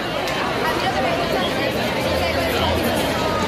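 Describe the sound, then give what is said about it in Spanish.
Dense crowd chatter from a housing protest camp in the Plaza de la Constitución, Málaga, at night: a steady babble of many overlapping voices with no single speaker standing out, loud and continuous with a slight low rumble underneath. “Así está sonando esta noche la Plaza de la Constitución.”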